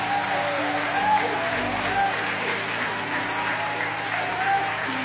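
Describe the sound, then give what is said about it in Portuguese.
Sustained applause from a church audience applauding the name of the Lord fills the room, steady and dense clapping from many people without a break, fairly loud, with faint voices mixed underneath. “Aplauda o nome do Senhor agora.”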